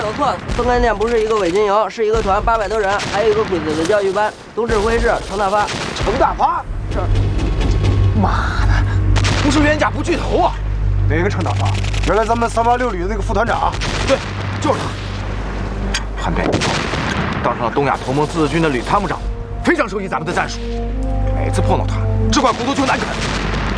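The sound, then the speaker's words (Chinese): Distant gunfire and muffled explosions from a battle against puppet troops rumble through a steady low battle din, while men talk over it in the foreground for the whole stretch. “听这枪声，他被打进去，总共才一个营的伪军，怎么这么难打呢？”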